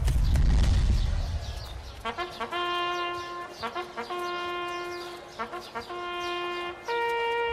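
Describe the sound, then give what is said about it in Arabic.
The hooves of a ridden donkey, urged to hurry to the judges' council, clip-clop in quick, even groups of beats, moderately loud, with a steady ringing tone running underneath after a rumbling opening. “هيا لا يصح أن نتأخر عن مجلس القضاء. أسمعت ما قاله قاضي القضاء؟ أسرع قليلا يا حمار.”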